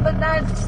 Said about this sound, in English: I drift away into the back seat as the car muffles out their words. But this is how I always hear them. They're speaking my family's dialect, Kamapangan, also known as breastfed language.